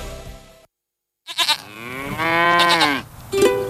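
A loud cow moos after a brief silence, a long, drawn-out, harmonic lowing call that swells and wavers in pitch, followed by a shorter bellow at the end.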